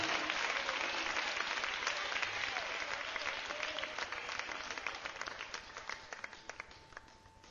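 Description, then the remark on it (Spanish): A large crowd applauds the Lord steadily, a dense wash of many hands clapping that thins out toward the end into scattered individual claps, with faint voices calling out underneath. “Démosle un aplauso al Señor en este día, pero démoselo con todo el corazón.”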